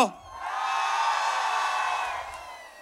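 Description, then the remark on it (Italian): A large crowd in the Piazza Medicea, a town square, screams and cheers together at a yearly summer-opening event in a sustained, loud roar that swells and holds for a couple of seconds before easing off, with a brief voice at the very start. “Siccome siete tanti e sono in tanti, tantissimi ad ascoltarci anche da casa, se vi va, io direi di iniziare subito con un cazzo di urlo!”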